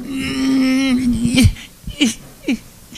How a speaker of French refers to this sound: Je me mets pas capable d'arrêter. Je pleure de jouissance, de joie, je comprends pas. Je sais pas s'il y en a de vous qui ont déjà connu ça. Pleurer, mais être heureux de pleurer.